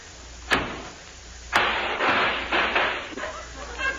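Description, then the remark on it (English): A taxi door is slammed shut at a station with a sharp thud, preceded by a fainter knock, followed by rattling and clattering noises as something jostles loose. “I guess I should have warned you about that, sir, when you slammed the door.”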